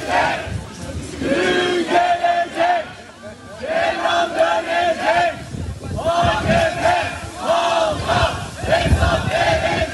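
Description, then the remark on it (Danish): A large crowd outside a courthouse in Turkey shouts and chants together over the day's verdict, in loud, rhythmic bursts, voices rising and falling in waves with brief lulls between surges, filling the whole ten seconds with dense, excited noise. “Vi kan lige prøve at høre lidt af stemningen uden for retssalen i forbindelse med dagens dom, for det var en stor historie i Tyrkiet.”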